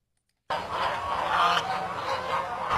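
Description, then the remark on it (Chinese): After a brief silence, a dense chorus of Wugang bronze geese, raised in Wugang, starts honking abruptly: many overlapping calls from a large flock, loud and continuous, with no voices. “武钢水系发达，牧草丰富，得天独厚的地理环境养育出武钢铜鹅，肉质鲜嫩，口感细腻，广受市场青睐，曾远销东南亚。”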